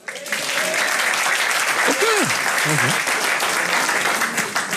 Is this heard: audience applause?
yes